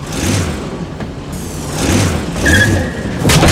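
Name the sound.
car being driven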